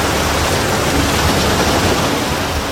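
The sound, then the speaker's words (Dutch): Waves lap steadily against the shoreline at Perkpolder, a continuous wash of water that stays fairly loud and even throughout, with no voices. “De klotsende golven bij Perkpolder, die verslaggever Niels Schuurbiers hoorde na zijn gesprek met Yannick Manu.”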